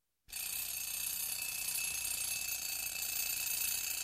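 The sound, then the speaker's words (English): A bell alarm clock rings continuously after a brief silence, a loud, steady metallic jangle that holds without pause for several seconds, alone with no voices. “Don't you hear that alarm clock? Get on out of that bed and wash your simple head.”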